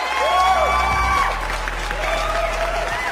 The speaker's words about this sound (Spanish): Que lo recibiéramos con aplausos, claro que sí.